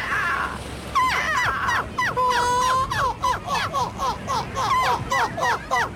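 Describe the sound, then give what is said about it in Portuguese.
A person imitates seagull calls, giving a rapid series of loud, harsh, laughing squawks that rise and fall repeatedly for several seconds, without other talk. “O Campeonato Europeu de Imitadores de Gaivotas voltou a juntar mais de 70 participantes na Bélgica.”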